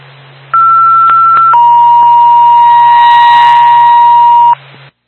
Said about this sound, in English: Twin State to Bethel, I'm ambulance, stand by for tone.